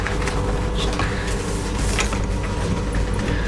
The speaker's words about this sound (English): Gonna go for the next crack on. I'm just gonna swap this chair.